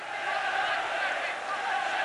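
A huge stadium crowd of football fans cheers in a dense, unbroken roar that holds steady and loud for the whole couple of seconds, with no single voice standing out.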